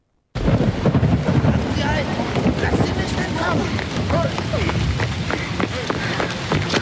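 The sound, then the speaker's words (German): Heavy rain and gusting wind roar steadily on a cold, rainy night, the wind lashing over rooftops, while thunder rumbles low and quick running footsteps splash through puddles in a fast, even rhythm as someone runs through a town. “Es war eine kalte und regnerische Nacht, als Namaya durch die Stadt Sonea rannte. Um sie herum peitschte der Wind über die Dächer”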